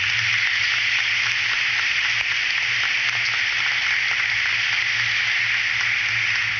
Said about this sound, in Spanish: Bienvenidos también ustedes, toda la zona presente de Cienfuegos, y un aplauso para cada uno de ustedes.